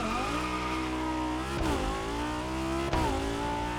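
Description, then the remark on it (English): A racing video game car engine revs steadily with a strong harmonic whine, its pitch dipping and climbing again twice as if shifting gears, loud with no voices; the game has separate engine and exhaust sounds for each car. “We have a sound specific for the engine and a sound for the exhaust with the proper specialization.”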